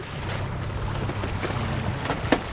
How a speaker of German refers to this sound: Ausgestattet mit zwei elektrischen Motoren erreicht diese Schwimmdrohne eine Spitzengeschwindigkeit von 30 Knoten. Alles klar. Also fast 60 Kilometer pro Stunde.